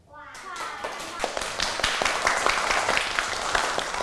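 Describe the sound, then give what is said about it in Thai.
A small group of children in a Thai language lesson claps steadily for several seconds to mark a word as a true consonant cluster, the sharp, uneven claps overlapping into a lively patter, with no talking. “ขวานนะคะเด็กๆเด็กๆปรบมือยอดเยี่ยมมากๆเลย”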